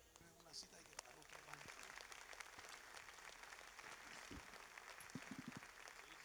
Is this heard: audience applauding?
yes